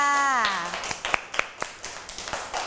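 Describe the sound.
A short voice opens, then children in a class clap their hands for a classmate's flower artwork in a quick, uneven burst of claps: several overlapping and moderately loud, fading out toward the end.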